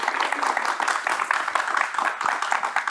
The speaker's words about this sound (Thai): ขอเสียงปรบมือให้กับทั้ง3ท่านด้วยนะครับ ขอบคุณครับ